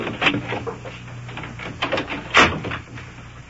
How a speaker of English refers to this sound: You shut the door there, come on.